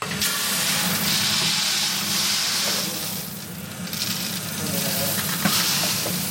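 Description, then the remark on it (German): Coffee beans roasting, popping like popcorn as they swell and shed their chaff: a steady, loud sizzling hiss with a low rumble underneath, broken by a few sharp scattered pops and crackles. “also wie ein Popcorn, das muss man sich so vorstellen, werden grösser, Hütchen gehen weg und man hört das auch beim Rösten”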